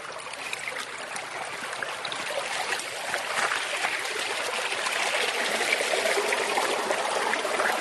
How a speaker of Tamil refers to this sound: இங்க பாருங்க எவ்வளோ தண்ணி, வாங்க ஜாலியா போய் நீச்சல் அடிக்கலாம்